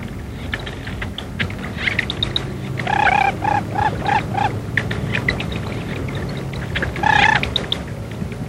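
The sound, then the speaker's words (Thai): Lesser whistling ducks call: a mother's clear repeated whistles, about five in a quick series around the middle and another burst near the end, over thin peeping chatter from newly hatched ducklings and outdoor background noise. “ในช่วงเวลานี้แม่เป็ดแดงจะหวงลูกมากมักจะไม่ยอมให้นกตัวอื่นเข้ามาใกล้รังเป็นอันขาด”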